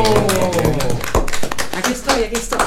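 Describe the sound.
A crowd applauds with dense, irregular clapping that carries on steadily throughout, while voices call out and cheer over the claps, especially at the start.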